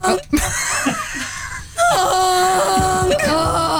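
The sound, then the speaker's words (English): A loud, nasal honk sound effect from a sound effect board blares as a long, sustained buzzy tone with a slight waver, following a couple of seconds of short laughing vocal sounds. “Live honk.”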